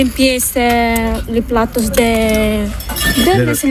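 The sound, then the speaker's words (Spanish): Dishes and cutlery clink now and then in a sink as they are washed by hand, with no dishwasher, while people talk loudly, their voices mostly covering the scattered clatter. “A ver, aquí están limpiando los platos.”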